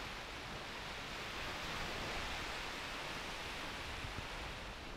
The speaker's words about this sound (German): Naja, hier am Kap Arkona am Gellort, am nördlichsten Punkt, da weht der Wind noch. Aber auch dem geht es hier so langsam an den Kragen, so wie den Wellen auch.